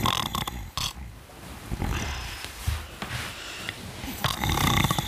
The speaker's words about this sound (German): Wer ist das Schnarchmonster?